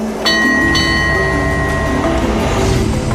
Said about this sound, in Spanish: Nuestro tren continúa serpenteando a lo largo del Kwai Noi. Lo que queda de la impresionante ruta del ferrocarril Tailandia-Birmania termina en Nam Tok.